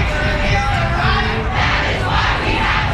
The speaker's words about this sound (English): After several speakers highlighted issues of underfunding, the massive crowd marched through downtown Raleigh.